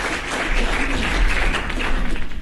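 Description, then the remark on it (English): A burst of applause, many hands clapping in a dense, steady patter that holds at an even loudness for a couple of seconds, with no voices over it. “So now I'll take that applause, please.”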